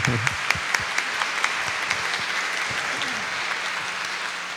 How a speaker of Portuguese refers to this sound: É, a turma de enfermagem, 33 anos cuidando da vida. Uma salva de palmas, né? Uma salva de palmas.